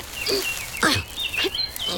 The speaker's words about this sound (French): J'entends le chant d'un moineau.